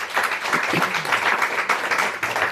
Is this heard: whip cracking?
no